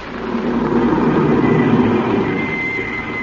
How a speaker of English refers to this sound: And suddenly, a car drove up.